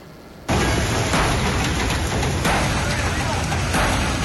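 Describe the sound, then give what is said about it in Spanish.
Heavy rain pours down in a dense, steady hiss that starts abruptly and stays loud throughout, with occasional slightly stronger bursts. It falls in the early hours of a Thursday in Quevedo, Los Ríos, during a police and military operation. “Una intensa lluvia y con un despliegue de 400 uniformados entre policías y militares, la madrugada de este jueves se ejecutó el operativo Forseti Finisterra en Quevedo, Los Ríos.”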